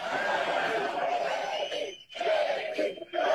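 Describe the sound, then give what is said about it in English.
A large crowd at a J.D. Vance speech chants his name in loud unison, the roar of voices rising in rhythmic bursts broken by brief pauses between repetitions. “Say it's pretty cool to hear a crowd that is this fired up chant your name. So go ahead and do it again.”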